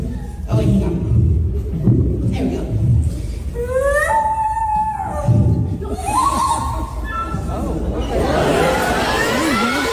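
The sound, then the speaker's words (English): A child's voice imitates bird calls at an elementary school talent show, filmed from the back of the room: several sharp, swooping whistles, then a long wavering warble near the end, heard over a low murmur of adults in the audience talking. “And he's going viral because he is really good at making bird sounds.”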